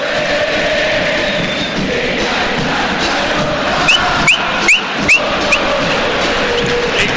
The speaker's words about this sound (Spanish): El grito del público de River, pelota de Acuña coloca centro bien alto